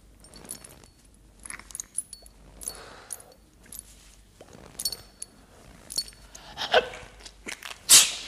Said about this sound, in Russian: Простудился. Будь здоров.